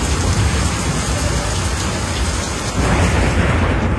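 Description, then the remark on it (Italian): Heavy rain pours down steadily in a dense, hissing wash, with a deep low rumble of thunder underneath. The downpour swells slightly near the end. No voices. “Piove, senti come piove, Madonna come piove, senti come viene giù.”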